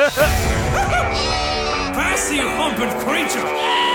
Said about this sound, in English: Oh, sheep.